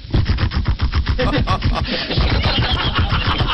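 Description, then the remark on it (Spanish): A voice imitates motorcycles left idling at the curb with their kickstands down, a loud, steady run of rapid rumbling pulses that sputters along for a few seconds. “Bajan los pedalines y dejan las motos moderando ahí.”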